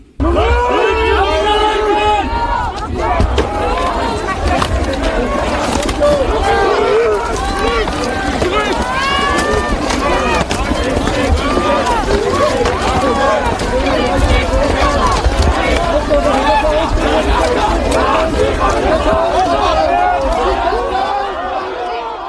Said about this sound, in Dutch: Het derde congres wat wij bezochten, dat was onlangs bij de AfD in Erfurt. En jij ging vooruit, want ik had een optreden bij Patrick Nedekorn in Düsseldorf. En jij kwam in een fuik terecht met 35.000 Antifa. En dat klonk als volgt.